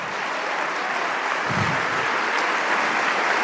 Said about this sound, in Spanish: Oh, vamos, dale ese aplauso. Fuerte, fuerte, fuerte.